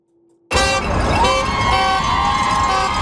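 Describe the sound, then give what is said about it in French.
Loud, sustained car horns blare continuously in support of a strike picket line outside Surrey Memorial Hospital, layered over one another, with a busy outdoor crowd noise underneath; a steady horn tone holds throughout after an abrupt start. “Au son des klaxons de soutien, des clochettes et des cris, la foule est rassemblée devant l'hôpital de Surrey.”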